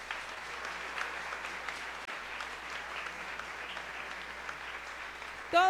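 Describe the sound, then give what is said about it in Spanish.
An audience applauds to welcome the media outlets present, a dense, even wash of clapping at moderate loudness for about five seconds, ending with a sudden louder burst as a voice or microphone cuts in. “Fuerte el aplauso también.”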